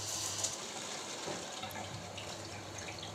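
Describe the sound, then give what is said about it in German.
In a lab, water sprays steadily and faster from a narrowing nozzle fitted to a water tap, a continuous hissing rush with bright high-frequency spray and a low hum underneath, fairly even in loudness throughout, with no talking. “Eine Düse, die kommt an den Wasseranschluss. Und jetzt spritzt es schneller raus, weil es fürs Wasser enger wird.”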